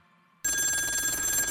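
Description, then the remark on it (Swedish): A telephone bell starts ringing abruptly after a brief quiet moment, loud, with a steady, continuous trilling ring that fills the rest of the moment; the call is from the fire station. “Jag ringer från brandstationen.”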